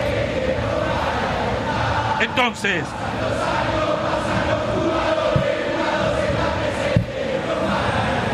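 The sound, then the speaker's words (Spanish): A dense, steady roar of Boca supporters singing and chanting in unison at a football match against O'Higgins, loud and continuous throughout, with one voice briefly speaking over it partway through. “Escúchenlo, escuchen al público.”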